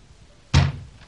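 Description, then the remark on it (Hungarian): A single heavy blow lands on a door, a loud, booming thud that fades quickly into quiet. No one speaks. “Csárdásné! Én! Csárdásné! Nyis ajtót!”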